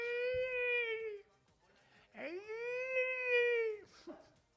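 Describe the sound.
A person imitates whale song with two long, sustained moaning wails, the second rising in pitch and swelling before tapering off, followed by a brief breathy sound.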